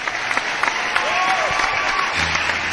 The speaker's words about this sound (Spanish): Aplausos.